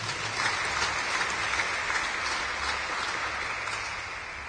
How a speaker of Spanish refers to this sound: ¿Cuántos dicen amén? ¿Cuántos dicen gloria a Dios? Demos palmas a Cristo Jesús.